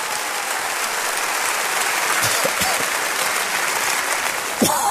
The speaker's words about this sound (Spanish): ¿Cuántos de ustedes nos visitan por primera vez? ¿Podría levantar la mano para poderles reconocer y dar una bienvenida? Denles un aplauso.